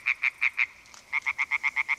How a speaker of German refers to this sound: Quakende Frösche und rufende Fledermäuse. Wir sind an einem Weiher in Oberbayern. Eine Aufnahme des Klangkünstlers Joshua Bonetta.